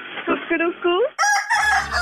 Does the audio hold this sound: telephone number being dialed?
no